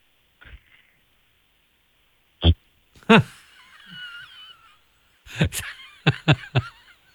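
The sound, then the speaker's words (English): A child's voice imitates loud snoring: a few harsh snorting bursts and one long, wheezy rasp, then a quick run of short, honking snorts. “He was fast asleep, cozy in bed, snoring loudly.”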